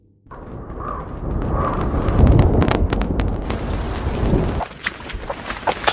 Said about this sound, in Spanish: Al principio del clip vamos a oír un valle, se va a ver, perdón, un valle, se oirán truenos a lo lejos y se oirá una lluvia.